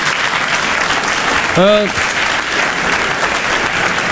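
A crowd claps steadily and densely throughout, a continuous wash of applause, with a single short vocal whoop rising and falling briefly in the middle.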